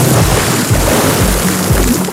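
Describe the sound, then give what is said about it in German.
A loud, continuous rush of splashing, churning water as someone jumps into a swimming pool, with dull low thumps recurring about twice a second. No one speaks. “Ins Schwimmbad springen.”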